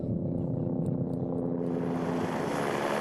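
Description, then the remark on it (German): Helicopter in flight, heard from inside the cabin, carrying a dog in training as an avalanche dog: a loud, steady engine drone with a humming, tonal low rumble, joined halfway through by a brighter rushing hiss. “Und im Heli drin war es eigentlich normal wie in einem Auto.”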